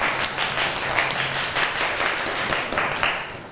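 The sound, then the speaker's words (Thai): A class of students claps together for group 3 after the teacher evaluates their dish, sustained dense applause, many hands patting in a steady crackling wash that holds an even loudness for several seconds with no voices on top. “หรือจัดจานได้เหมาะสมคุณครูขอประเมินให้กับกลุ่ม3นะคะปรบมือให้เพื่อน”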